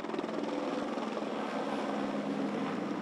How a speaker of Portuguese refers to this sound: O helicóptero Pelicano da Polícia Civil sobrevoou o cemitério em sinal de respeito.